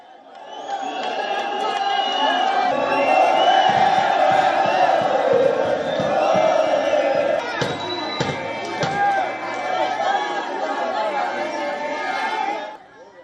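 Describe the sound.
A large crowd of protesters in Nanyuki, Kenya, protesting a planned Ebola quarantine center for U.S. citizens, shouts slogans continuously, voices overlapping in a loud, dense roar, amid stone pelting, with sharp bangs of police tear gas shells exploding partway before the noise cuts off abruptly.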